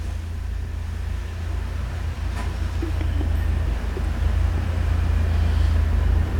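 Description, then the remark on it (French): A drinks delivery truck's engine rumbles steadily as it starts, reverses, turns and drives off along boulevard Saint-Germain, a deep low-frequency drone that swells slightly as it moves, with faint clicks and street noise around it and no voices. “Le camion de livraison boisson démarre.”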